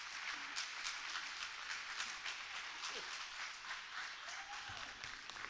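Sustained applause from an audience at a clown's stage act, clapping for a contest of who applauds best: a dense crackle of many hands clapping at a steady loudness throughout, with faint voices and calls mixed in underneath.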